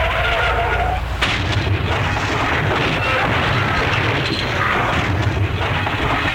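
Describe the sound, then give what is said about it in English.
A car skids and crashes in a loud, sustained burst of roaring, grinding noise, with a sharp impact early on and clattering debris continuing to the end. “Well, do you think I should offer him a bumper sticker for what's left of his car?”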